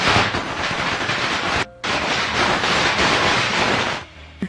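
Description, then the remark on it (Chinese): A recording of a string of firecrackers, played by a shop clerk as a mobile phone ringtone, bursts in a loud, dense, rapid crackle, pausing briefly partway through before resuming and cutting off near the end. No one speaks. “他给人家放那个鞭炮的声音，说这些抛啊虾哈，阿公爱抛啊虾”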